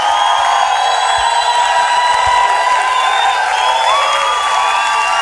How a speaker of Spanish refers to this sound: un fuerte aplauso al Señor. ¡Con fuerza!